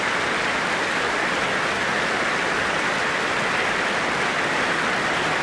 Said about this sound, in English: And alongside them now, for this rapturous applause, sopranos Ava Zytek and Janine Dubeek, and bass baritone Florian Sturz.